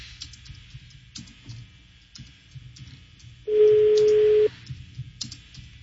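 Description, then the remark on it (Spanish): One loud, steady ringback tone from an outgoing phone call lasts about a second, set against faint clicking like keyboard typing and low background rumble. Nobody speaks. “A ver, vamos a marcarlo otra vez.”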